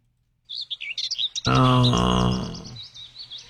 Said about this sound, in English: Well, the birds sound beautiful. I do love birds. Is that an app? It kind of makes you feel like you're walking through the forest. A very dense forest.